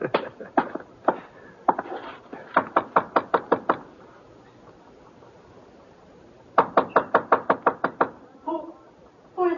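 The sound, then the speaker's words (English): Knocking on a wooden door, loud: several scattered raps, then two insistent bursts of quick, evenly spaced knocks separated by a quiet pause. “Well, opening the door might be one way of finding out.”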